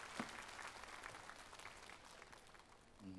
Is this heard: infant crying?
no